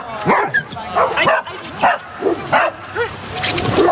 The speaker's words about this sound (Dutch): Er wordt flink geblafd hier bij het zwembad. De honden zijn met elkaar aan het spelen in het poedelbadje. En sommigen zijn aan de lijn. Anderen lopen gewoon los.